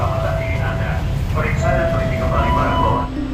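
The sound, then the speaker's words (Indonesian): A KRL commuter train rumbles steadily at a station platform, its low drone and faint electric whine filling the background while a voice speaks over the continuous noise. “Peron stasiun menjadi saksi penumpang silih berganti, datang dan pergi.”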